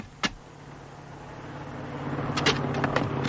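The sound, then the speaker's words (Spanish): A heavy vehicle's engine rumbles with a steady low drone, growing gradually louder as an armored car approaches a border crossing in pursuit of two jeeps carrying armed men, with a few sharp metallic clicks and rattles near the end. “Los va persiguiendo un carro blindado.”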